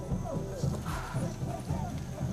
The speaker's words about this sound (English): I'm longing to see what's at the top of these steps. And I can hear the drums banging.